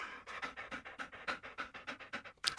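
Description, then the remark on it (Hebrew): A dog, Kuki, pants rapidly and steadily, quick breathy huffs in a regular rhythm, ending with a sharper, louder burst of breath. “לא, לא, לא. הספיק לי המרק של הציפורים. אני לא צריך גם מרק מריר כלבים.”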